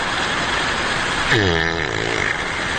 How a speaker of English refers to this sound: Wildlife cameras catch all kinds of things, like when a bear farts and then falls asleep.